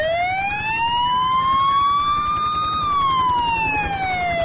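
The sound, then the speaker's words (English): A loud police siren wails in one long, slow sweep, rising gradually in pitch and then falling away, with a low engine rumble underneath and no voices. “There's an helicopter down there. It's the police. I wonder what they want.”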